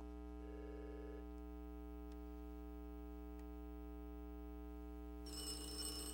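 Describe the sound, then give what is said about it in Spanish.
A telephone rings in a short electronic burst, then a brighter, rattling bell-like ring sounds near the end, all over a constant low electrical hum. No one speaks. “conteste ese teléfono.”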